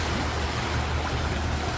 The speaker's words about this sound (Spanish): ¿Escuchas eso? Son las olas del Pacífico llamándote.